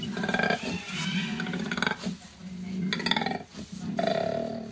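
A koala's deep, rumbling bellow, loud, in long snoring, growling phrases broken by brief breaths, roughly three or four pulsing bursts with no talking.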